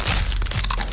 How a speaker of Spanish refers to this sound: Así suena Crunch, la tortilla chip más crujiente, saludable y deliciosa.